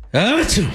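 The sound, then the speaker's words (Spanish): A single loud, forceful sneeze voiced by a person, a rising 'ah' swelling into a sharp hissy 'choo' burst, brief with nothing else around it. “El vampiro sintió el picazón tremenda y estornudó con todo el poder de la noche.”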